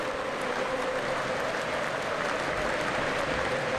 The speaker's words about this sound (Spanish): Van 20 minutos, gana el Liverpool 1-0. Todo el estadio se pone de pie y aplaude a los 20 minutos por el número 20 que usaba Diogo Jota.